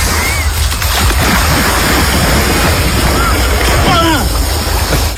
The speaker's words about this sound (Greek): Έχω έρθει εδώ στη θάλασσα και θα με δείτε να κάνω βουτιά. 1, 3, 2 πάμε.